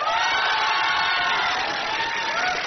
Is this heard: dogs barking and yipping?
no